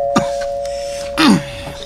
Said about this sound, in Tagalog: Kinsa man pa nagtuslok sa doorbell? Ay, kasaba ba?